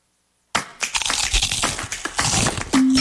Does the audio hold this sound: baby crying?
no